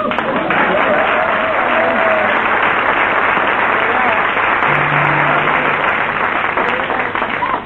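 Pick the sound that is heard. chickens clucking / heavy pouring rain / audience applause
audience applause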